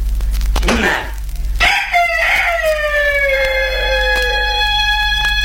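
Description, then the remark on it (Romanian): A rooster crows once, loud, a long drawn-out cock-a-doodle-doo that slides down in pitch and trails off, preceded by a short rustle or squawk, with steady background hum. “Cucoșul o ia și se duce în treaba lui.”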